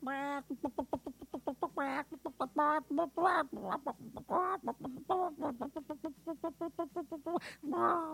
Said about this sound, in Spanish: Te voy a pasar a la Sujei, así se llama la gallina, que aquí está conmigo.